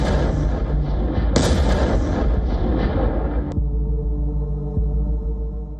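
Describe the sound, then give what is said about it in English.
A loud explosion of a FAB-3000, a Soviet-era bomb weighing around 3 tons, bursts out, quickly followed by a second blast, then a long roaring rumble of debris that abruptly drops to a deep, lingering low-frequency boom. “The explosion comes first, then the dust swallows everything.”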